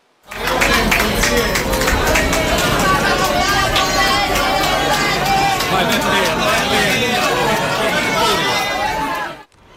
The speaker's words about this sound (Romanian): Papa Leon a trecut cu bine de operația la plămâni. Astăzi a fost întâmpinat cu aplauze și urări de bine la spitalul unde a avut loc intervenția.